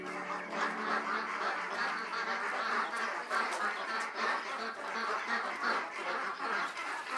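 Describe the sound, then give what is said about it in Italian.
A crowd of hungry ducks at a rice farm quacks insistently and without pause, a dense, overlapping chorus of calls that stays loud for the whole stretch. “Le anatre chiamano impazienti e affamate.”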